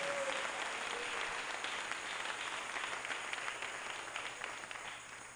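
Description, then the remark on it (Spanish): Sustained applause from an audience, given for God Almighty during a sermon, a dense crackle of many hands clapping steadily for about five seconds, tapering slightly toward the end, with no voices over it. “Démosle un fuerte aplauso a nuestro Dios Todopoderoso.”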